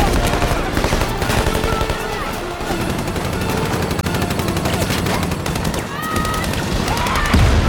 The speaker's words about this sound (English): A building above them explodes. People in the crowd duck and gunfire erupts.